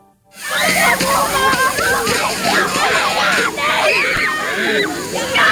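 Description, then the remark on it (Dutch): A fire brigade hose sprays water in a steady, hissing rush onto schoolchildren at a school in Zeewolde on a hot day, while the children shriek, squeal and shout excitedly over it throughout. “Want je zit echt helemaal onder het water.”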